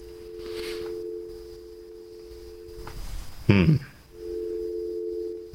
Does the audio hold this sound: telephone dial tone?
yes